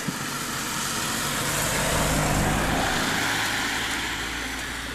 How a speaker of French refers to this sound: Ça amplifie. Tout est amplifié. Ouais, même la voiture qui passe, puisqu'on est sur la route du col de Palière. Il va se demander ce qu'on fait.